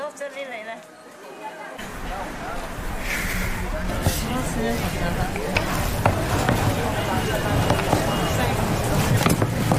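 Steady rustling and crackling as a big pot of puffed rice is stirred with boiled-down melted brown sugar, scattered sharp clicks over a dense bed of noise, with people chattering in the background throughout.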